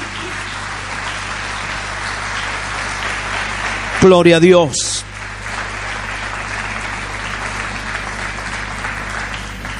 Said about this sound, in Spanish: Aleluya, denle un aplauso más grande al Señor.